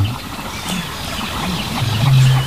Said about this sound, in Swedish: Men vi hör, ja, en ny art faktiskt, skäggdopping. Ja, just det. Det är lite sträva. Precis, skällandet.